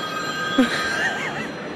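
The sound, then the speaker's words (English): A phone-like electronic ringing chime sounds steadily before an interval announcement at the BBC Proms in the Royal Albert Hall, its bright tones sustained and echoing in the hall, with a soft background murmur and a brief low thump partway through. “It's not your actual phone ringing right now, by the way.”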